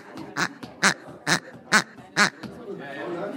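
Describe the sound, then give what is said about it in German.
A small squeaky toy chicken, the smallest of several toy chickens, gives five sharp, honking squeaks in a steady rhythm, loud, followed by a moment of low background noise. “Genau, und das kleinste Huhn kann eine Menge.”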